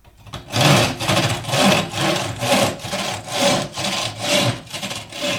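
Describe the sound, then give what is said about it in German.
A hand saw cuts through wood in long, full strokes using the whole saw, about six steady rasping passes in an even back-and-forth rhythm, fairly loud, with no talking. “ich habe die Säge ganz bezahlt und du kannst sie deshalb auch ganz benutzen. Und dann habe ich ihm alles nochmal vorgemacht.”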